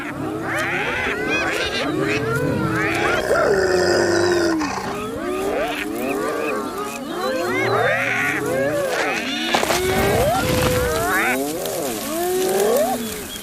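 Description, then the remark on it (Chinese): Several spotted hyenas of a clan roar and yelp together in a loud, continuous chorus of rising and falling calls, with a harsher burst of snarling noise partway through, as the clan leader asserts its authority. “这时，首领就会彰显自己的权威，他通常会咆哮几声，挥一挥爪子。”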